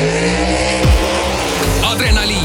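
Loud engines roar and rev with rising and falling pitch, sharp tire squeals cutting in as fast cars accelerate hard at a drag race, the Kiirendusspordi (acceleration sports) festival at Kiltsi airfield in Haapsalu, Estonia.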